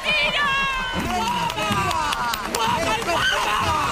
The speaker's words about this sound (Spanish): ¡Fuerte aplauso!